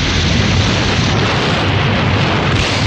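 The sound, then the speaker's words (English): An explosion rocks a clinic and lab in the snow, its deep, continuous rumbling roar filling the whole stretch, dense with a heavy low end, holding steady without pause and with no voices. “The explosion rocks the clinic and lab.”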